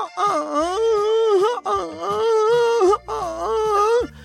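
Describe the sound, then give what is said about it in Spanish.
A voice lets out three long, wavering wails of pain, each drawn out for over a second with a quivering, mid-high pitch, loud and strained, over a low steady hum. “Es grito de dolor.”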